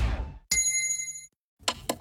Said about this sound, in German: Trinkpause. Der Gong. Hydration Break. Nimm dir jetzt wieder einen guten Schluck für deine Gesundheit.